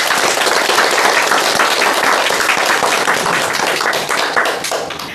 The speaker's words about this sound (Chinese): 祝贺大家取得的进步啊！你们回头再好好练一练啊，一定又能更大的提高啊！ 我为自己的进步鼓鼓掌吧。